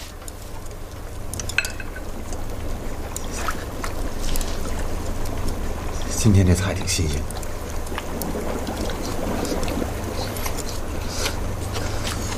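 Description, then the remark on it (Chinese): Broth in a 500-watt hot pot for instant-boiled lamb bubbles steadily, with a brief splashing burst midway as food drops in, while people talk over the simmering. “锅都快开了，赶紧下菜吧。”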